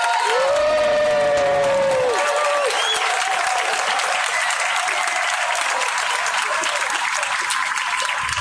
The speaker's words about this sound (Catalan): Doncs ara, Cercle Sàfic va llegir el seu manifest. Un aplaudiment.